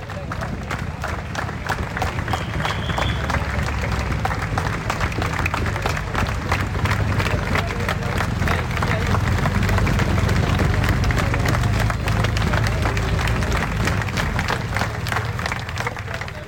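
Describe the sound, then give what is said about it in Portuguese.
A large crowd of many thousands applauds steadily at a cycling race stage finish on Avenida 25 de Abril in Faf as the peloton arrives after the neutralized stage, a dense rapid patter of many hands clapping over a low roar of cheering and murmuring voices, sustained at an even loud level throughout. “Estas são as palmas do povo de Faf e de todos aqueles muitos milhares que estavam na chegada na Avenida 25 de Abril em Faf, quando o pelotão chegou após a etapa ter sido neutralizada.”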